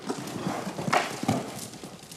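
Hooves clip-clop steadily on hard ground as a horse on a lead rope walks during groundwork training, a few distinct thuds standing out from a soft outdoor background.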